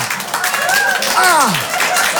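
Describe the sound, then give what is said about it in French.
A crowd applauds steadily and loudly for a couple of seconds, the clapping dense and continuous, with a voice calling out over it in rising and falling tones. “Ils applaudissent ça, les fous!”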